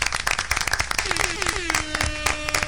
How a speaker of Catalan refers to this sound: I comencem fent un fort aplaudiment en el nostre primer col·laborador del dia